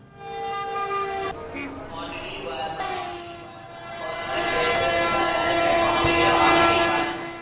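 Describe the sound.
Busy ambience at Abu Road railway station as a train passes: sustained horn tones sound early, then rumbling, clattering wheel noise swells and stays loud near the end, with indistinct voices in the background.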